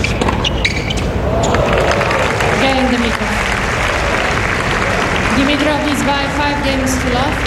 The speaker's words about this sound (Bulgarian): Начинът, по който изпълни ретура, заслужава аплодисментите.